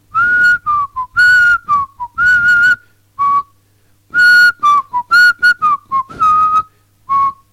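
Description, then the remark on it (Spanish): Someone softly whistles a melody alone, a string of short and held notes in phrases with brief pauses between them, clear, with no talking. “Es como que recreamos la soledad de los afiliados que van silbando bajito, recordando una época gloriosa.”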